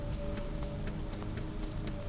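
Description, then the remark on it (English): A steady rain shower patters on a hard surface, with scattered individual drops ticking through a dense, continuous wash of sound. No voices, just the even shower. “We'll get back to watching the end of this rain shower and leave you with the sounds.”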